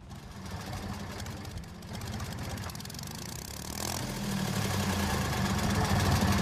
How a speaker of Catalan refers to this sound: No, això és un tractor. Un tractor.